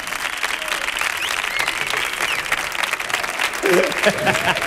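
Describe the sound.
Sustained audience applause for a performer, a dense, steady wash of many hands clapping at an even loudness, with a voice briefly calling out over it toward the end.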